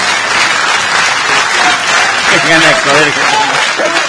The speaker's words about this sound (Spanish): ¡Fuerte el aplauso!